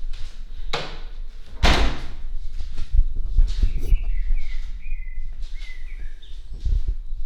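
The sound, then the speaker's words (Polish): Birds chirp and whistle outdoors in short bursts, fairly faint, heard through a tilted-open window, while loud thumps and rattling from the window being handled break in. No one speaks. “Spróbuję skręcić oknem z uchylonej. Może ptaki się nagrają, a tu kwiat zasłania.”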